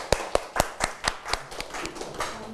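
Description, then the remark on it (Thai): Students in a class clap their hands for a classmate who summarized an activity, in a steady, quick rhythm, about a dozen sharp claps in a row with a brisk, even beat and no voices over them. “ถูกต้องนะครับปรบมือให้เพื่อนด้วยนะครับ”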